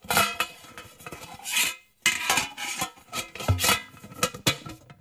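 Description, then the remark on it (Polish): Metallic scraping and clanking as a tin film canister holding a reel of film tape is pried open, with rasping lid friction, a brief pause, then several sharp tinny clinks and rattles. “Myślę, że atrakcją poza samymi filmami, obrazami będzie obserwacja właśnie samego tego procesu otwierania pudełka, często blaszanego, z taśmą. Teraz otworzymy.”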